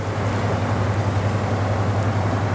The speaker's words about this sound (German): und der Lastkahn vorbeigetuckert ist, dann weiß man, warum es am Rhein so schön ist.